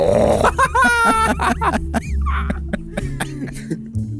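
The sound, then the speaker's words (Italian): Someone imitates a bear's growl with a series of rough, throaty grunts and rasping bursts, loud and uneven, lasting a few seconds. “Fai l'orso.”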